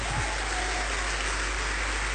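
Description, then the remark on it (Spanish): A crowd gives a loud round of applause to the King, a dense wash of many hands clapping at once that holds an even, fairly loud level from start to finish with no voices on top. “¿Cuántos le damos un fuerte aplauso al Rey?”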